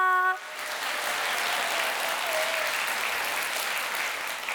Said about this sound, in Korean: 첫 번째 무대라 많이 긴장되었을 텐데도 멋진 무대를 보여준 홍서윤 친구에게 다시 한번 큰 박수 부탁드립니다.